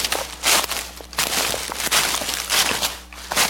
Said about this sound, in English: The leaves are crunching outside, but is your floor making all the noise inside?